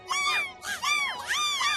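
A golden eagle gives three loud, high-pitched calls in quick succession, each a thin, wavering yelp that rises and falls, with no voices present.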